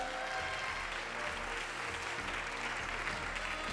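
A steady burst of audience applause at a Gugak Broadcasting award ceremony, congratulating a performing team. Dense, continuous clapping from many hands at moderate volume, with no pauses and no voices rising above it.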